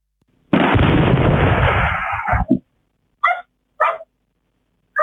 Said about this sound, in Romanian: Momentul exploziei a fost fixat de o cameră de supraveghere din localitate.